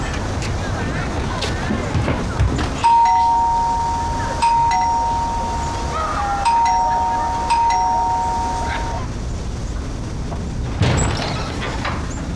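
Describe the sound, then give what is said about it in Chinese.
A doorbell rings again and again, each sustained electronic tone sounding loudly in steady succession over a low background rumble. “你怎么摁半天门铃你都不开？”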